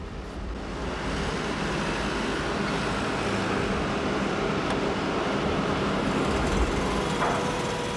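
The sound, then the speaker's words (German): An electric motor drives an inclined hoist loaded with stones, carrying them up at a slant, with a steady, even mechanical rumble and whir. It starts a little softer, then holds constant for the full length, with no voices. “Lassen wir jetzt also vom gleichen Motor einen Schrägaufzug antreiben.”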